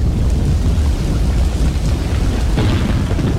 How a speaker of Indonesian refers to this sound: Seberapa hari ini hujan deras terus nih. Takut ada banjir, bencana.